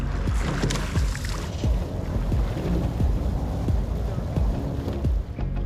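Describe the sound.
A rowing boat moves across the Alster in Hamburg, with a steady rhythm of oar strokes and splashes beneath constant wind buffeting the microphone. Low, indistinct voices may be present.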